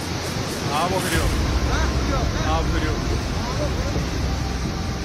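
A loud, steady roar of raging flash-flood water after a sudden cloudburst in the Hirpura area of Shopian, Jammu and Kashmir, rushes without pause, dense throughout, with faint human voices calling out beneath the churning noise.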